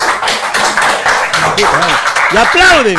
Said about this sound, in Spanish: Aprobado por unanimidad. Y aplauden.